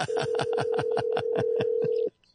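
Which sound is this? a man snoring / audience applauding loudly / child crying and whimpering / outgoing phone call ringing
outgoing phone call ringing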